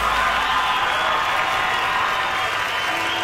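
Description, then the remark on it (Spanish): Steady, dense audience applause at a concert in Colorado fills the whole stretch, a loud continuous wash of many hands clapping with a faint crowd murmur and no clear speech. “Gracias, muy amados, por los aplausos a toda la gente que nos acompaña esta tarde.”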